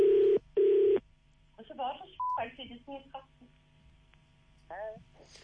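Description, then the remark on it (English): Two long, loud telephone dialing tones sound back to back in the first second as a call is placed, followed by a brief beep as voices start talking over a low hum. “I'm going to call … right now and we can all discuss this.”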